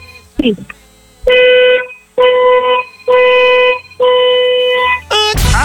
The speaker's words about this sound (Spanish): Perfecto, muñeca, vamos a necesitar, por favor, que nos des cuatro bocinazos de tu auto bien fuerte, largos. Cuatro bocinazos largos ahora.